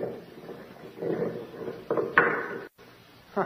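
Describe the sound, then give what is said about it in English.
A heavy stone door with a ring in it grinds and scrapes open, with a low rumbling drag punctuated by a few dull knocks and thuds, moderately loud, with no voices. “There's a stone door with a ring in it.”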